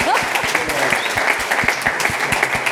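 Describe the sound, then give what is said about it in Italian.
A crowd claps steadily, dense overlapping handclaps filling the space at a fairly loud level, with sharper individual claps standing out in a rough rhythm throughout. “E allora facciamo un applauso.”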